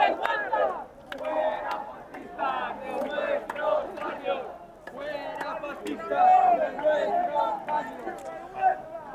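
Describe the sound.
A crowd of people camped at the Puerta del Sol shouts and jeers angrily at a man, demanding that he leave, with raised, harsh cries rising and falling continuously and a few sharper peaks standing out above the din.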